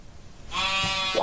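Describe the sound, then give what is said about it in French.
A single short, small sheep bleat rings out after a moment of quiet, a wavering nasal cry that lifts upward in pitch as it ends. “Mais oui, j'entends un petit bêlement.”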